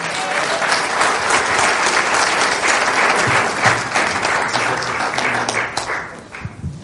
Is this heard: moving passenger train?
no